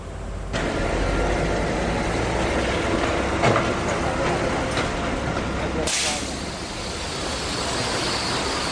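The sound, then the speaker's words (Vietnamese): A heavy truck carrying sand, its load not carefully covered, rumbles along a street in Hanoi, Vietnam, at midnight, its engine droning steadily and loudly, with a brief burst of hissing noise near the end and traffic ambience throughout. “Một chiếc xe chở cát, chính vì không được che phủ cẩn thận nên”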